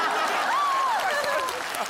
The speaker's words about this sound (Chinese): 行，我给你们鼓掌了，鼓掌。